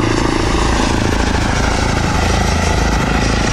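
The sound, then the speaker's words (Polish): An electric airplane flies past, its propeller giving a steady whirring drone with a rough low rumble underneath, very quiet compared to a helicopter, holding an even loudness throughout with no voices. “No w porównaniu do helikoptera jest mega cichy.”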